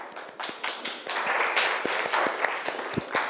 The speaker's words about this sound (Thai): โอเคขอบคุณทุกคนครับปรบมือเพื่อนหน่อยครับ